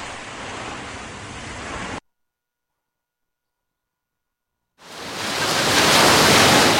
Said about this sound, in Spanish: bienvenidos, bienvenidas a la playa que suena en la radio que se trae el micro a la playa para que la playa se escuche aquí en Salobreña, en el resto de la costa tropical y también en otros lugares de nuestra provincia.